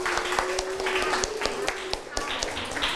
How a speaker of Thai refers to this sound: ถูกต้องใช่ไหมครับปรบมือให้กลุ่ม5หน่อยครับ